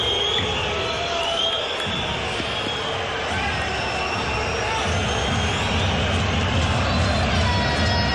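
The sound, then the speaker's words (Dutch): A large football stadium crowd of Zulte Waregem supporters roars with sustained displeasure after the referee does not blow his whistle, a dense, steady wall of voices with rising jeers and whistles, loud and continuous throughout. “Tot onvrede van het Zulte Waregem publiek.”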